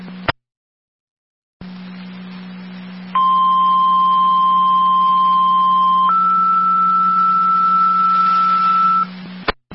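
Radio dispatch paging tones, the second set of tones for an EMS call at Lower Lake and Burgess Road needing an EMT: a long steady high tone lasting about three seconds, then a slightly higher one held for three more, over a constant low radio hum with static bursts at each end.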